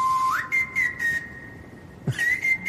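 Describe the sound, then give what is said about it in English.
A person whistles a short melody of sustained, gliding notes, fairly clear, on top of a song's soft beat with snare drum and hi-hat hits underneath. “And then someone's whistling on the top, yeah.”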